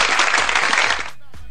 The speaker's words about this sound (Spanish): Así que, un artista completo, por favor, aplausos para él.